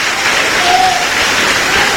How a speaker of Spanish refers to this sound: Dale un aplauso al Señor, hermano, fuerte, al Cristo de la gloria.